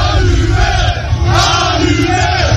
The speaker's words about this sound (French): Allumé, crie la foule qui caillasse ensuite la voiture.